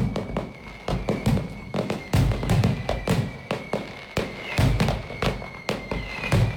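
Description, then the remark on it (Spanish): A fireworks display closing the San Julián 2026 festivities, set off last night: a rapid, irregular barrage of booms and crackling bursts, closely spaced and continuous, with no voices. “Así suena, así sonó anoche los fuegos artificiales que pusieron el broche a las fiestas de San Julián 2026.”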